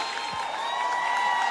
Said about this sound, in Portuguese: Os aplausos de vocês pra essa voz potente, é!